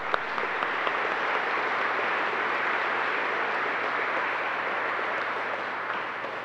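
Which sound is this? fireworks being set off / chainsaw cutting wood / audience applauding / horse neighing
audience applauding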